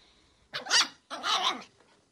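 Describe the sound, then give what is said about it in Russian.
A toy (dwarf) dog lets out two short, snarling barks in quick succession, fairly loud, with a growling edge and no voices around it. “Собственно говоря, Василий Егоров и карликовая собака непосредственного отношения к рассказу не имеют.”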